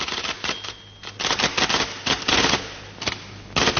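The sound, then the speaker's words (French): A typewriter in a film scene with judges and a court clerk clacks away in fast, uneven bursts of sharp key strikes with short pauses between runs, fairly loud, over a low steady hum and no voices. “Comme si ils étaient avec les juges, avec le greffier, avec la machine à écrire.”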